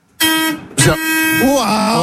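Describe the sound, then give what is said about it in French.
A loud, steady bus horn blares, cut by a sharp burst, then sounds again while a voice speaks over it; a man presses the horn of a bus in Strasbourg. “Il a appuyé sur le klaxon.”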